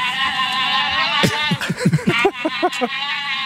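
A noisy chorus of Brazilian giant otters calling, with overlapping high, squealing, bleat-like cries rising over a steady background din, several sharp bursts clustered close together and fairly loud.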